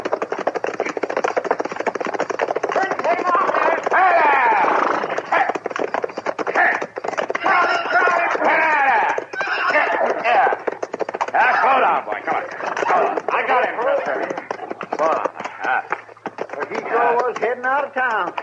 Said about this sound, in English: Well, somebody's sure riding up front seat awful fast, ain't they? Yeah. That's a runaway horse,